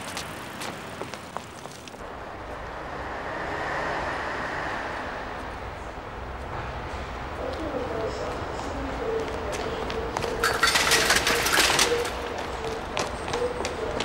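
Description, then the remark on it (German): A train at a railway station: a steady rumble with a drawn-out metallic squeal, low droning tones and a loud burst of hissing air, while voices murmur in the background. “Zum Bahnhof.”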